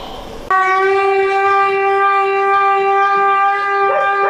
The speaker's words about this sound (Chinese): 咱们走吧， 听着这声就该走了是吧？ 对，听见锣声摇警报声，我们就往下走。